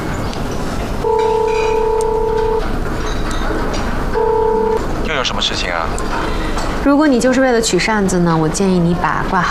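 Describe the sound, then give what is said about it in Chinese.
A steady electronic phone tone sounds twice, a long burst then a short one, over a low background hum, as a phone call is placed, before a voice starts talking. “行，他真行，甩第四条路，我给打电话。”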